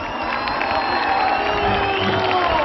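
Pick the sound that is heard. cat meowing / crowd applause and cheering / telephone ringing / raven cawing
crowd applause and cheering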